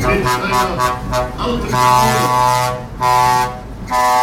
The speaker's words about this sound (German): Es kommt der historische Traktor mit der historischen Kanone der Ehrengarde.